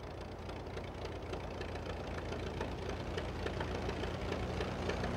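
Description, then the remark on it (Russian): A small aircraft's engine, just started as the plane is readied for takeoff, runs steadily, a loud, continuous rumbling drone with a faint rhythmic throb and no voices over it. “Когда Гарри запустил двигатель, я обомлела.”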